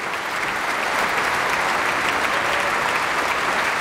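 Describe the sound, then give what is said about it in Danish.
Steady, dense applause from a large concert audience at Minneapolis Orchestra Hall after a very energetic piece, many hands clapping at once in a continuous wash of sound that holds at a constant level throughout, with no voices standing out. “Ja, det var da noget, som publikum kunne lide at dømme efter bifaldet.”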